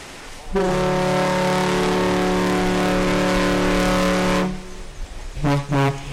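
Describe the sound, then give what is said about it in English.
A car ferry's deep, steady horn blasts twice as a salute, first a long, loud sustained note, then after a brief pause a shorter second toot, with faint background rumble between. The ferry, running since the 1950s, is beginning its round trip between Manitowoc and Ludington, Michigan. “That's two toots like that, that's a salute to us.”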